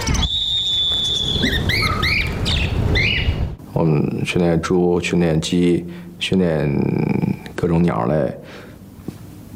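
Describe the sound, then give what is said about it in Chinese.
Birds chirp in quick, repeated bursts through the first few seconds, clear, before people's voices take over and continue with occasional bird sounds in the background, during a group flight training session at a pet training school, where birds are trained to fly onto a person's body or hand on a signal and return to their cage. “我们训练猪，训练鸡，训练各种鸟类，然后还训练兔子，然后训练羊驼。”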